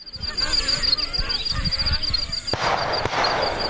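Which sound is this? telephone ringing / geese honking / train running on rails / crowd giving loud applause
geese honking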